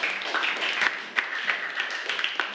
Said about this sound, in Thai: ขอเสียงปรบมือให้กับเพื่อนหน่อยนะครับ